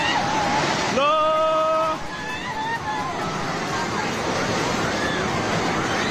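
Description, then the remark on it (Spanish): A loud, continuous roar of rushing water from a flash flood in Nepal at the border with Tibet, in the area between Nepal, India and China, with faint shouting voices of people fleeing in the background and a brief high-pitched cry rising above the torrent near the start. “Este es el sonido en el momento en el que la tromba de agua anegaba la zona entre Nepal, la India y China.”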